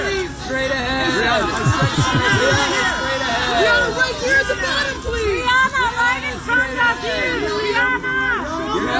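Photographers waiting at a gala for the Metropolitan Museum of Art shout and call out over one another to arriving stars, asking them to look to the right: a dense, continuous din of overlapping raised voices with no pauses, bursts of higher-pitched calls rising above the babble.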